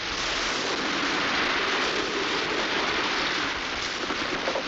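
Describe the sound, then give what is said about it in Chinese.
Heavy spring rain pours down steadily and grows heavier, a dense, continuous hiss of drops striking surfaces, with no pauses and no voices. “雨越下越大了。”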